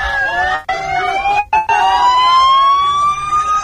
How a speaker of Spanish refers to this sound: Y ahora vemos, bueno, vamos a escuchar como una ambulancia de Cruz Roja se acaba de activar, así que se ha tenido que dar alguna situación de emergencia. Va a pasar ahora mismo la ambulancia, la escuchamos.